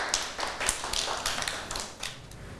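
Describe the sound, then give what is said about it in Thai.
Children clap their hands for a classmate at the teacher's request in a loose, uneven patter of many small claps lasting a couple of seconds, moderately loud, with no talking over it. “ปรบมือให้”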